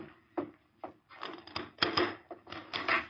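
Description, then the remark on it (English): A wooden door is opened to someone who came to it, with a couple of sharp knocks followed by drawn-out creaks and scraping rubs, moderately loud and unaccompanied by voices. “I'll open the door, boss.”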